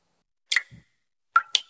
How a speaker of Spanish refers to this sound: ¿Y eso qué se oye? Ah, eso. Nada, que me gotea la ducha. ¿La ducha?